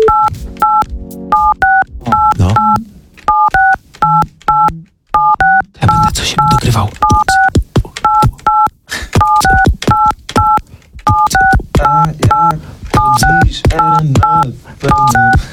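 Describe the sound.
Telephone keypad beeps are tapped out on a radio studio's telephone in quick rhythmic runs to compose a tune, loud, with a short spoken remark and a burst of background noise partway through.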